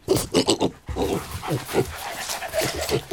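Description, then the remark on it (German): A pig or dog sniffs and snuffles in quick, rhythmic bursts of breathy noise while searching for truffles growing under the ground, with a few short grunting or whining sounds mixed in and no talking. “Er sieht aus wie ein kleiner, hässlicher Erdklumpen und wird meistens von Schweinen oder Hunden aufgespürt.”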